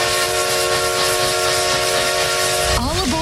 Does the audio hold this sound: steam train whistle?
yes